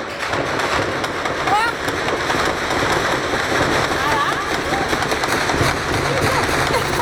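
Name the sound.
gunfire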